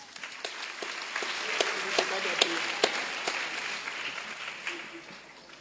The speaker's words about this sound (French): Bravo, il ne faut pas gâter. Il faut applaudir pour.